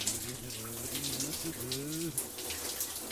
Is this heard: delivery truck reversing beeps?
no